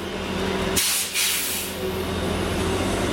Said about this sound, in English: Get some good bus sounds.